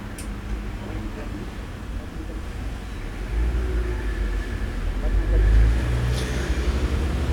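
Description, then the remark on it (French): A wholesale pork truck carrying Dionysian (Saint-Denis) meat rumbles past on a city street, its deep engine drone swelling to a loud peak before easing off, over a steady wash of background traffic. “Passe un camion de porc en gros, viande dionysienne.”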